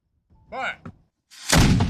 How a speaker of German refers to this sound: Eine Kanone spuckt Feuer und Rauch, der Schuss hallt über den langgezogenen See.